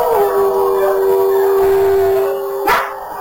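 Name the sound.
howl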